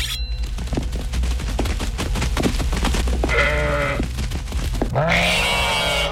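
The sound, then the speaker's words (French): A fat black ram, being brought down from a boat, bleats twice, two loud, wavering, nasal cries about a second apart, following a stretch of rapid clattering clicks and knocks. “Depuis le bateau, on fait descendre un bélier noir, gras à souhait.”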